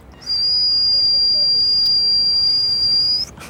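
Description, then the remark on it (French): A person imitates a pressure cooker's whistle with their mouth: one steady, piercing high-pitched tone held loud and unbroken for about three seconds, then cut off abruptly. No talking. “Un jour, un son est sorti de ma bouche, ça ressemblait à une cocotte minute.”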